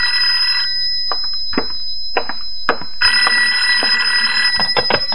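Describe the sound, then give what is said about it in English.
A telephone rings with a bright, trilling electronic bell, two long bursts separated by a pause, loud and steady with a sharp metallic shimmer; a few soft clicks in between. “I've told you never to call me here, Dave.”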